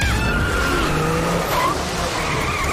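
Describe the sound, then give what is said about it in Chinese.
Race car tires skid loudly at high speed, a sustained screeching squeal over a roaring engine, continuous for the whole stretch with no voices; driver Xinhang's race car during a hard chase in a race, its tires nearing their limit. “新航选手的赛车出现了异况。看来在激烈追赶之下，他的轮胎已逼近极限。”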